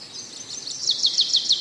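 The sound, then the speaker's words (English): Birds chirping on tree branches in an autumn forest glade, in a quick series of high, bright tweets, repeating rhythmically over a hazy outdoor background; moderately loud, with no voices. “Having a chirp on the branches. In the background, lovely, lovely, lovely.”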